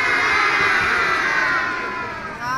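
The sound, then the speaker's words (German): A crowd of children in an audience shouts back a reply together in a loud, sustained burst of overlapping high voices, filling the whole moment with no single voice standing out. “Oder, liebes Publikum, was sagt ihr dazu?”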